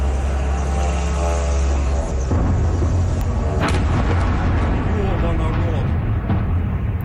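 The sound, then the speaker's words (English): A drone's buzzing engine drones loudly overhead during a Ukrainian drone attack on Moscow, Russia, then a single sharp, heavy impact booms as it slams into an apartment building, followed by rumbling noise and indistinct voices. “An eyewitness videos the moment a drone slammed into an apartment building in the Russian capital.”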